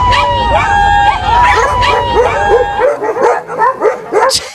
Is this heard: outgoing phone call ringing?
no